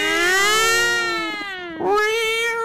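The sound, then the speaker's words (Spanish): A voice imitates a police siren with a loud, sustained wailing tone that dips and swoops back up near the end, heard alone without other talk. “Enseguida se escuchó la sirena. Ni no, ni no, como el pollito la sirena.”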